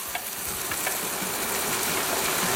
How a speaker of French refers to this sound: On va essayer de garder ce bruit, voir si on s'endort avec un bruit de cuisson.